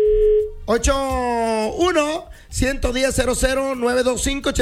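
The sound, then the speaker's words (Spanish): A short, steady telephone dial tone hums for under a second as callers phone in for tickets, then a voice comes in and carries on with lively, drawn-out speech or sing-song talk. “Así han estado, Javier, toda la semana los teléfonos. Gracias. Suena y suena porque quiere la raza boletos.”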